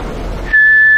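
After a half-second of soft background rustle, a whistle sounds: one loud, steady, high-pitched tone that holds unbroken until the end, as a patient blows hard into it at a doctor's instruction.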